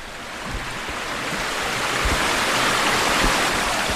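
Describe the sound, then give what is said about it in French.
The river Cure rushes steadily past under a bridge, a dense, continuous wash of flowing water that grows slightly louder over a few seconds, with no voices. “La Cure, c'est pas une rivière navigable, en tout cas sur une toute petite partie de son parcours.”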